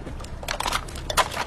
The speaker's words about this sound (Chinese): 你怎么这么不小心啊，打碎我这么多瓶，你得给我赔啊。